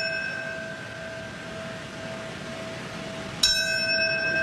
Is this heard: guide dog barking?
no